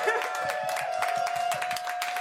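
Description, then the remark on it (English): A crowd breaks into a round of applause, dense steady clapping with a sustained high whistle-like tone running through it the whole time, fairly loud and with no clear speech. “big fucking round of applause.”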